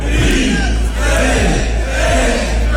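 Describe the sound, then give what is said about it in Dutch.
A large crowd in Nijmegen cheers and shouts together at the night-time start of the Nijmegen Four Days Marches walking event, a loud, dense roar of many voices with rising whoops and calls running steadily through the whole few seconds. “Ja, zo klonk dat afgelopen nacht in Nijmegen.”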